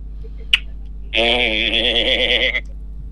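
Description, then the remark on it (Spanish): A person imitates a sheep with one drawn-out, quavering bleat lasting over a second, loud, preceded by a brief sharp click and otherwise quiet. “Le agarró un ataque de abeja. Oveja. Oveja, perdón.”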